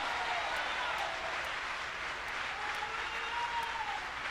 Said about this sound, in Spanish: Vamos a aplaudirle al Señor ahora.